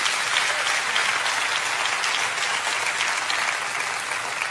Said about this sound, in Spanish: Denles un aplauso a mis dos voluntarios aquí.